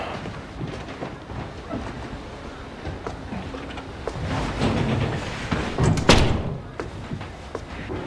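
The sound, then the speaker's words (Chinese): An office door is pushed shut with one solid thud near the end, preceded by a soft shuffle of movement over a low, steady background rumble. No one speaks. “我要去院脉开会，还有10分钟，到我办公室说吧。把门关上。”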